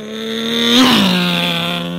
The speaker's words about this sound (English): The rabbit liked to race around town in his souped-up sports car. Here he comes.